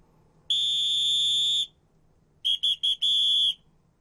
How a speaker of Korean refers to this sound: 자, 일단 여러분들, 문장을 듣기 전에 호루라기 소리가 들렸다라는 거, 이 호루라기 소리도 이제 힌트가 되는 겁니다.